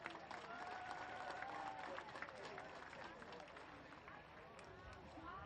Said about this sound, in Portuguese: Vou pedir uma salva de palmas. Queridos atletas, salva de palmas aos nossos árbitros e aos nossos treinadores.